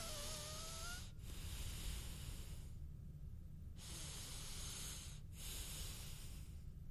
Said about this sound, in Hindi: So what are we waiting for, आइए करते हैं डीप ब्रेथ एक्सरसाइज से शुरुआत।